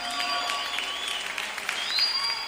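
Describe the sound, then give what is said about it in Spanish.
Sustained applause from an audience, a dense wash of many hands clapping steadily and fairly loudly for a few seconds, with no voices breaking through. “El aplauso fuerte que se escuche para ustedes.”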